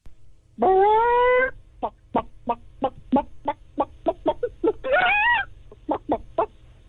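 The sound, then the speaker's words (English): A person imitates a chicken: a drawn-out squawk, then a quick run of sharp, evenly spaced clucks, a second rising squawk, and a few final clucks, loud. “I could do a chicken.”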